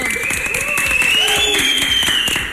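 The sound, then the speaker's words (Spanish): Steady, dense audience applause for the team Rápido y Curioso fills the whole stretch with a rapid crackle of many hands clapping, with faint voices and whistle-like tones rising over it. “Otro aplauso, por favor, para Rápido y Curioso.”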